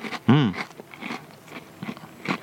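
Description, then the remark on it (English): Crisp crunching as someone bites and chews a chocolate-coated vanilla biscuit, with a series of irregular crackly chomps and a short voiced murmur near the start. “Very crunchy. Very crunchy.”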